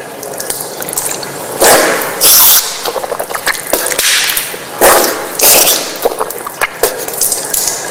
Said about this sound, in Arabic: ثم بعد ذلك تأتي المضمضة والاستنشاق. كما هو الملاحظ تمضمض واستنشقت من كف واحدة، وأعيدها مرة ثانية.